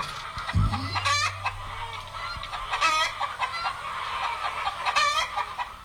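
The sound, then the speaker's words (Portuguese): At daybreak, a rooster crows a few times amid steady clucking from a flock of chickens, the calls loud against a busy farmyard background, with no one talking. “O dia raiou.”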